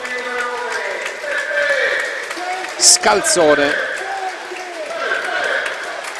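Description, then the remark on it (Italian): Steady applause from a stadium crowd at a Taranto football match as player Beppe Genchi is substituted in the 41st minute, the crowd on its feet; it rustles underneath a man's continuous commentary, with a brief sharp burst of crowd noise rising partway through. “per Beppe Genchi che esce tra gli applausi del pubblico.”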